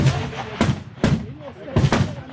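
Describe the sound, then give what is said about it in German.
Several sharp rifle shots crack out at irregular intervals at the 300-metre shooting range in Chur during the federal shooting festival, about four reports in two seconds, loud, each with a short reverberant tail, with no talking over them. “Eindruck vom 300-Meter-Schiessstand in Chur.”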